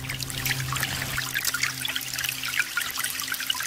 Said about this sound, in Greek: σε παρακαλώ πολύ με το νεράκι που τρέχει.